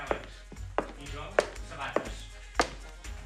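Foley footsteps made by a foley artist wearing special shoes keep time with a person walking: six sharp, hard taps land at a steady, unhurried pace over a low background murmur.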